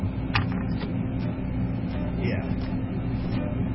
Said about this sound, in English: The dear old hot point freezer. Fridge thing. It lasted for 30 years.